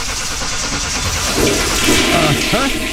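A car engine cranks to life but sounds just like a toilet flushing: a loud, steady rushing whoosh that ends in a few gurgling, rising swirls.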